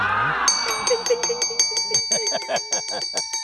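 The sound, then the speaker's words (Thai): A bell rings repeatedly in quick, bright strikes with a long shimmering ring, fairly loud, after a brief swooshing lead-in, opening the question time of the Thai TV segment 'Krading Lan Ban Thanai'; no one speaks. “อ้าวกระดิ่งลั่นแล้วได้เวลาที่จะเปิดโอกาสให้สอบถาม”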